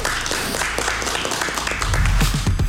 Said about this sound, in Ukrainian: Друзі, ще раз оплески.